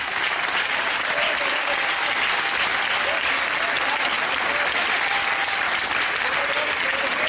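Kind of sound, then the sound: crowd, applause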